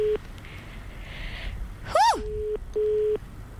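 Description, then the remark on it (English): Steady electronic ringing tone from an outgoing phone call to a person who sent in a photo, sounding in short, evenly pitched bursts at moderate volume, briefly interrupted by a quick swooping chirp, with no one talking. “Oh, it's ringing. I hope he answers.”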